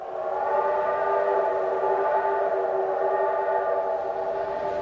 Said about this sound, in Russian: Поезд пришел в Брест.